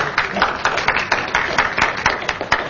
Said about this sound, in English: First of all, a huge round of applause, and thank you.